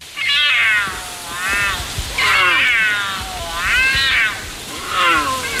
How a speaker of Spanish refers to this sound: Nos valía el puma o el cachorro sí. de puma, pero era un puma.